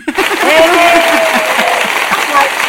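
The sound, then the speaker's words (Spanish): An audience breaks into steady, dense applause for the announced winner of a contest, carrying on without pause for a few seconds, with scattered voices and cheering mixed into the clapping. “Aplausos.”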